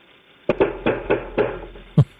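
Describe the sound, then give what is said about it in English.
Loud, forceful knocking on a door by a SWAT team: a rapid series of heavy pounding blows, then a short pause and one final hard bang, sharp with no voices. “Sorry, but when you get a couple of people who didn't hurt anybody and break anything, and you send the SWAT team in, listen to how they knock on the door.”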